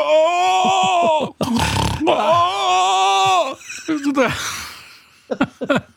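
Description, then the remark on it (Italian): A man's voice imitates a woman in the front row at a show snoring mixed with rattling groans: loud, drawn-out moaning tones broken by a harsh, raspy snort, then a breathy rattle fading into a few short clicks. “E ogni tanto anche aveva dei gemiti, dei rantoli. Era un misto fra russare e rantolio. Faceva.”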